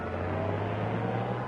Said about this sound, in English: Back to the car. Our car, it's running wild.